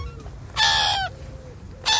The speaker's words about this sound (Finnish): Ja mä väitän, että myös se semmoinen, että se lokin huuto, niin siinä on jotain semmoista, että pelottavaa. Sitten kun sä kävelet yksin sen jäätelötöttörön kanssa ja sä kuulet sieltä jostain, tiedät sä tämän äänen.